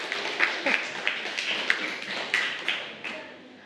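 Scattered applause from a group of students for a classmate who answered a question in class, a loose patter of claps with a few sharper hand strikes standing out, steady and moderately loud for a few seconds.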